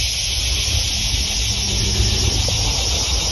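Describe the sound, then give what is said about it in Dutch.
Insects buzz in hot weather on an old plantation in Texas, a loud, unbroken high-pitched drone that holds steady from start to finish, with a faint low rumble underneath and no voices. “Het zoemt, het zingt, het maakt echt... En dan loop je ergens, dit is in Texas waar ik dit heb opgenomen, dit geluid.”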